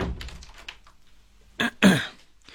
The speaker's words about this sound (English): Close the door.